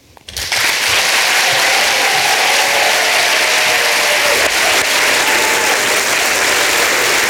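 Loud, sustained applause from an audience after a poetry performance starts abruptly and holds steady as a dense wash of clapping for about seven seconds, with no voices standing out.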